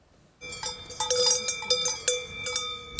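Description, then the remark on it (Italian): Several cowbells clank and jangle irregularly after a brief silence, their metallic ringing overlapping in an uneven, steady clatter as cows graze in a meadow at Bagnella, a hamlet of Serina in the Val Brembana mountains near Bergamo, Italy. No one speaks. “Singolare il caso della Val Brembana, dove i turisti protestano per il rumore dei campanacci delle mucche.”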